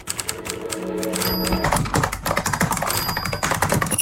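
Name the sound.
typing on keys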